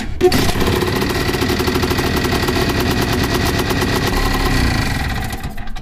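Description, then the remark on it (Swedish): A small two-stroke engine sputters to life and keeps running, a loud, rapid, buzzing putter that holds steady throughout with no voices over it. “Lite som en moped.”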